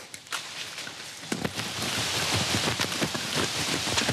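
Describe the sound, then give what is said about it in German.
Steady rain falls, a dense hiss of drops pattering on a surface, growing heavier after the first second and continuing without voices. “Alter Schwede, es regnet.”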